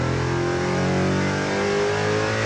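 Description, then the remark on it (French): A loud V8 sports car engine with carbon-ceramic brakes, driven on track laps, roars steadily, its deep harmonic drone rising slightly in pitch as it accelerates, with no voices over it. “On a un V8, mais c'est pas du tout le même son.”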